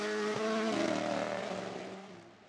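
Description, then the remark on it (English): Sebastien Ogier's rally car engine drones at high revs on a rally stage, with strong harmonic tones, pitch shifting as it changes gear, then gradually fading over a couple of seconds, with no voices present. “Look how mechanically sympathetic he is with the car.”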